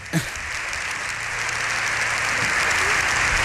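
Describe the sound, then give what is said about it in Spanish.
A dense, steady wash of clapping from a large crowd at a joint session of the Congress and Senate, with the public galleries full, building slightly and sustaining without pause, with a faint low hum beneath it. “Esto también es insólito, alguien que concite los aplausos vamos, de toda vamos.”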